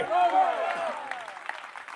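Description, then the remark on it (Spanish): An audience breaks into applause for God's name, scattered claps mixing with raised, cheering voices that swell at first and then thin out into lighter clapping. “Dele fuerte ese aplauso a su nombre.”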